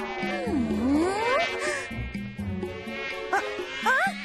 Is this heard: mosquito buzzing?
yes